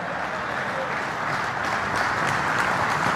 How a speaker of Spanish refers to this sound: ¿Cuánto le dan más fuerte esas palmas a él?